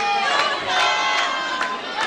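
Football fans chanting together: a loud, sustained mass of voices singing in unison, punctuated by steady rhythmic accents about every half second, like claps or drum beats keeping time.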